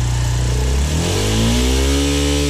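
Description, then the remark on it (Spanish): A Suzuki DR160X dual-sport motorcycle engine is started and runs loud, its steady chugging idle lifting into a rising rev about halfway through as it warms up, with no voices. “Cuando se enciende, y así suena cuando ya comienza a calentar motores.”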